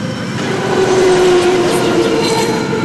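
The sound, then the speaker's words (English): A BART train rolls along elevated tracks in West Oakland, above an encampment beneath the tracks, a loud, steady rumbling roar with a sustained metallic whine running through it and faint rattling on top, with no voices. “Next, we pull into an encampment beneath the West Oakland BART tracks”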